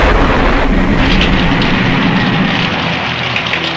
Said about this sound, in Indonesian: Sesaat setelah Mai Lama mengucapkan kata-kata itu, petir dan guruh menyambar bersahutan.